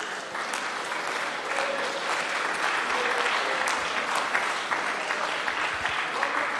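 A large group claps steadily and continuously for the Lord after a sermon, a dense wash of many hands applauding together at a fairly even volume throughout, with faint voices mixed in underneath.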